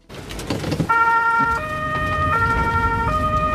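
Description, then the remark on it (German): A siren on the water rescue vehicle of the Mengen volunteer fire brigade, Baden-Württemberg, Germany, setting out for a drill at a quarry lake near Ostrach, sounds loudly in a steady two-tone pattern, alternating high and low notes about every three-quarters of a second over rumbling engine and road noise. “Die Wasserrettung rückt zur Übung aus.”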